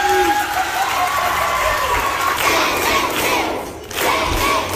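A loud crowd erupts in sustained opening applause and cheering, with excited shouts and whoops layered over continuous clapping, briefly dipping before surging again.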